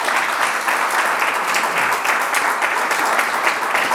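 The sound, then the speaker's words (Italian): Sustained applause from a large audience, a dense, steady wash of many hands clapping at once, loud, continuing without pause throughout. “facciamo un applauso.”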